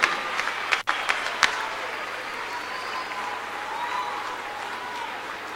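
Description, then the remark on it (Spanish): Sustained applause from a sizable carnival audience in Jesús María, honoring the performing artists for their 60 years, steady and dense throughout, with a few sharper claps standing out near the start and a faint murmur of crowd noise beneath. “Grandes artistas, grandes amigos, grandes defensores del carnaval, para ellos el aplauso y el agradecimiento por los 60 años...”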